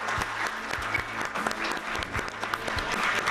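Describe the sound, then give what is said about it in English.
An audience claps steadily for musicians, a dense, continuous patter of many hands at a fairly even loudness with no voices standing out. “But please, let's give them another round of applause.”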